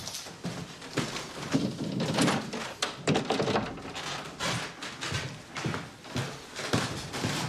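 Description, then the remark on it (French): A very narrow door being opened, leading from an office into Henri Mondor's salon, with a series of dull thumps, knocks and scraping handling noises spread over several seconds at moderate loudness. “On peut continuer par cette porte très étroite.”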